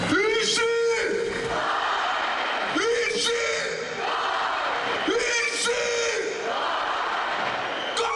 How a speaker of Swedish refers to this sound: Enligt uppgifter samlades runt 70 000 människor vid Olympiastadion. På scenen möttes spelarna av ett hav av jubel. Avgörande målskytten Konsta Helenius hyllades och forwardspelaren Jesse Puljujärvi drog igång fansen med en ramsa.